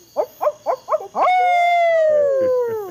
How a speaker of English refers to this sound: And where I live now, there's an added summertime bonus because we have these owls that sound like drunken hillbilly rednecks.